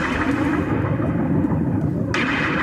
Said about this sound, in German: Und achten Sie jetzt mal drauf, wenn der Song losgeht, hören Sie ganz am Anfang so Regentropfen, die so, so aufploppen.